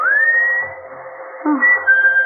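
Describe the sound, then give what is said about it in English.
A person whistles a signal call: a long steady rising note held for over a second, then a brief shift and a second sustained tone, clear and fairly loud with no talking. “whistling for you.”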